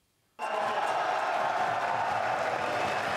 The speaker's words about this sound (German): Der Jubel unter den Fans des Projekts war groß, als das Stadion dann beschlossene Sache war. Der Rat der Stadt war gestern in die Aula einer Schule ausgewichen und die war voll von interessierten Oldenburgerinnen und Oldenburgern